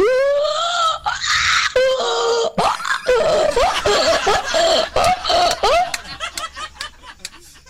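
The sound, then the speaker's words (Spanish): A man's voice imitates a donkey braying, alternating long strained high wails with harsh wheezing inhales in a rhythmic hee-haw pattern, loud throughout and ending in choppy gasping bursts. “voy a imitar a este burro.”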